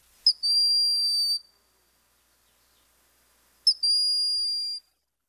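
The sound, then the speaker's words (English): A broad-winged hawk gives two long, plaintive whistled calls, each a sharp onset followed by a steady high tone lasting about a second, separated by a pause of silence. Clear, no other sounds. “If you can't make it to Hawk Mountain, check out the woods here in the summertime for this quiet and gentle hawk with the plaintive whistling call.”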